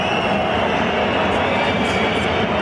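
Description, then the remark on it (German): A football stadium crowd on the Weser, on a sunny 26-degree day, whistles in protest at the team's performance instead of applauding: a loud, unbroken wash of shrill, high whistling blended into dense crowd noise, holding steady with no pauses throughout. “Doch statt 3 Punkten und Applaus gab es Pfiff.”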